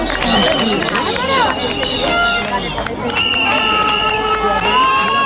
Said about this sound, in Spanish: Volvían ya vitoreados los manifestantes de un suceso que demuestra una situación límite, un límite de acciones que se va agrandando.